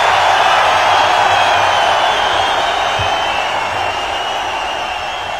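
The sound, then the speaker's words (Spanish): A stadium crowd at a Real Sociedad versus Espanyol football match gives a loud, sustained ovation as Oyarzabal is substituted off, a dense wash of applause and cheering that holds steady for several seconds and eases slightly toward the end, with no one speaking over it. “Escuchen la ovación.”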